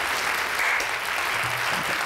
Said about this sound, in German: Ein kleiner Applaus bitte.